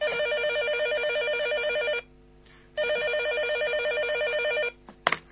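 A telephone rings at midnight with a call from a kidnapper, in two long bursts of rapid, trilling electronic warble separated by a short pause, loud and clear with no talking, ending with a brief click.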